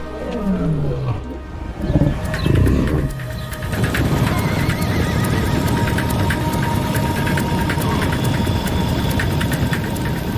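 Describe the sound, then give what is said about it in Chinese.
Horses whinny loudly a couple of times with shrill, wavering calls, then a steady, dense drumming of many galloping hooves takes over and continues to the end. No one speaks. “马的祖先曾经通过白令路桥从北美洲扩散到亚洲，并逐渐演化出许多不同的物种。”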